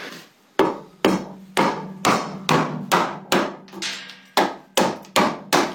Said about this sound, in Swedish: Så tar jag en skölp och en jättestor träklubba. Och en skölp, det är ju en... Det är ett runt stämjärn kan man säga.